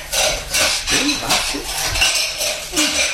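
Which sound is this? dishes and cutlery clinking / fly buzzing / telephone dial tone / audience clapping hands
dishes and cutlery clinking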